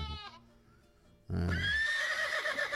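A horse whinnies loudly, a long, wavering neigh that begins abruptly after a brief earlier snort, with muffled background noise underneath.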